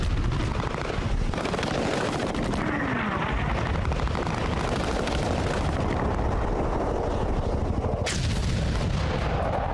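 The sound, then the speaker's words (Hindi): Dense, continuous bursts of rapid gunfire blend with a roaring engine drone and explosive rumble, loud throughout, like an aerial dogfight: Flying Officer Sekhon targets and shoots down a Pakistani aircraft. “Flying officer Sekhon ने एक पाकिस्तानी विमान को निशाना बनाकर उड़ा दिया और एक बार फिर अपनी रफ्तार और कलाबाजियों से पाकिस्तानी विमानों को उलझा दिया।”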